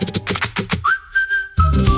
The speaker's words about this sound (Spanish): empezamos con el silbido, sí, que es muy de verano azul también